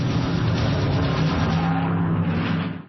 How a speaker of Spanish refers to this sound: Se hace pausa, pero los motores ya rugen, porque Italia ya nos espera.